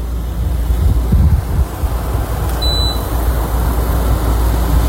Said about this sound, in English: This is the air conditioner in my bedroom. Now, I have a mini split system, so I can keep it quiet if I want to, but this is like an old school window air conditioner, and I love it because it just drowns out everything else.